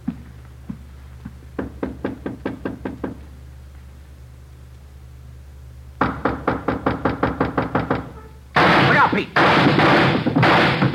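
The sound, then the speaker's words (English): Rapid volleys of sharp gunshots fired through a door ring out in quick, evenly spaced bursts, loud, ending in a dense, roaring barrage of fire. “Right through the door. Yeah, he's got two left. Unless he's got another gun.”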